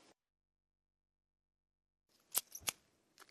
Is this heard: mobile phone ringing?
no